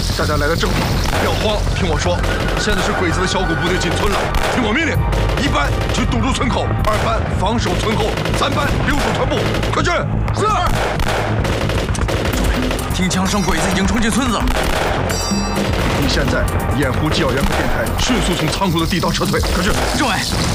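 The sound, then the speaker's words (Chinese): Dense, continuous gunfire crackles and bursts for the whole stretch, loud, with shouting voices and other battle noise layered underneath, as Japanese soldiers storm into a village. “听枪声，鬼子已经冲进村子了。”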